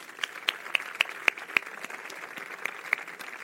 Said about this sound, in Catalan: El resultat és aquesta magnífica peça coral que tinc aquí darrere i aquí al costat i que aprofito per felicitar-les a totes una vegada més i destinar un fort aplaudiment